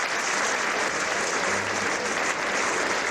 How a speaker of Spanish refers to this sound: Y es que no podía ser de otra manera, aplausos para despedir a este maestro que, como saben, se retirará de los escenarios a final de año